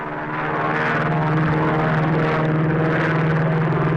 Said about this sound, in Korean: 드디어 전투기들은 골짜기 상공으로 날아왔다.